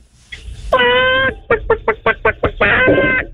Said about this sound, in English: Okay, and now can I get the same chicken sound effect, but with a higher pitch?